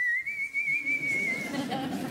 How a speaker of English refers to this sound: The louder you whistle, the further the boogeymen stayed away. No tune, just... But then I started to whistle a bit of a tune.